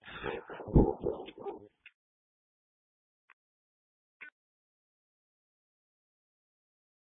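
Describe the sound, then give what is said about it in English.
A not-so-friendly dog inside a premises barks and whimpers in a quick, loud flurry, then falls mostly silent, with a few faint, isolated yelps spaced seconds apart. “They have a not so friendly dog in there, and I'm sure fire department's going to have to get in there.”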